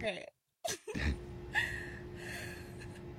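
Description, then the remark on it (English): Heavy, breathy inhales and exhales come through a phone line, a few uneven breaths and a sharp gasp near the start over a steady low electronic hum, fairly quiet. “I can still hear you breathing.”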